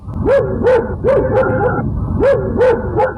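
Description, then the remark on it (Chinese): Dahuang, a big yellow guard dog, rushes into the courtyard and barks furiously toward the outside of the east wall, firing off a rapid run of about eight loud, sharp barks in quick bursts with barely a pause between them. “突然大黄警觉起来，他冲到院子里对着东墙外狂吠。”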